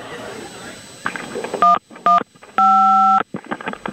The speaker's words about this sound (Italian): Avete sentito i tasti del suo telefono? E io allora gli metto dei suoni diversi per confonderla. Così è convinta di chiamare il 112.